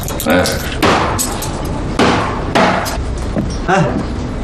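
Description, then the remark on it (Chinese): A cleaver chops hard on a cutting board, with about five loud, sharp blows landing at an uneven pace, while faint voices murmur in the background. “那菜板子跟你有仇啊？你再剁把菜板子剁碎了，那不是花钱买来的啊？”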